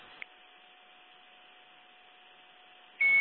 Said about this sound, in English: I hear the beeping in the background.